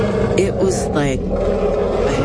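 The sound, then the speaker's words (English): A person voices a loud, rough imitation of an elephant's roar that came out of a forest, a sustained raspy bellow with a brief rising trumpet-like sweep in the middle, lasting about two seconds. “And in that silence, out of the forest to my right, came this roar.”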